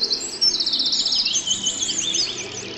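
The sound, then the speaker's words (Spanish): A lively chorus of birds chirping and twittering, many rapid high-pitched calls overlapping continuously and steadily, with no voices. “Y dijo Dios: hágase la luz y el firmamento, que hayan aves y peces.”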